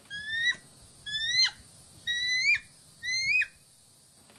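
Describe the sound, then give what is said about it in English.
A person imitates a bald eagle's call with four high, thin, rising whistled cries, evenly spaced about a second apart, each ending in a sharp upward flick. No talking. “This is what the bald eagle actually sounds like.”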